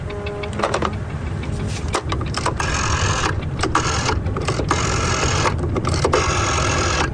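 A telephone being dialed: a steady mechanical whirr with rapid clicking and short bursts, continuing evenly for several seconds with no one speaking.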